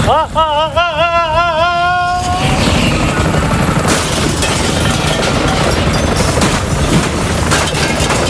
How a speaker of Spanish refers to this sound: Me ha caído el helicóptero encima, pero estoy con unos auriculares y con un casco especial intentando que nada no se distinga.